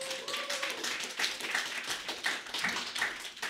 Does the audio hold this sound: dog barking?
no